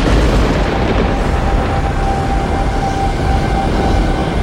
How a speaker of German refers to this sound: Wie aus dem Nichts brach ein gewaltiger Donnerschlag über unsere Köpfe hinweg. Und die Landschaft um uns herum tauchte in neblige Dunkelheit.